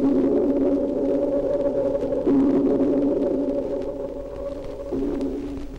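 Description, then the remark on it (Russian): Dolphin echolocation recorded underwater and slowed down 64 times, heard as a loud, continuous, organ-like drone with a deep rumble beneath it, dipping briefly twice before resuming. No voices. “Сейчас эхо напоминает звук органа или раскаты далекого грома.”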